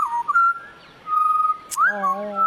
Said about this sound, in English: I think that's actually the Pied Butcher Bird. Oh, that's the Pied.